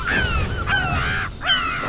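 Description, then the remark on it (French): A gull, with wings spanning well over a metre, calls loudly, giving three harsh, wailing cries in quick succession over a steady low background rumble. “On peut entendre le goéland pleurer tout au long de la journée.”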